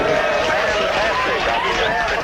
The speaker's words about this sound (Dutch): Dat klinkt wel lang geleden, maar dat was gejuich.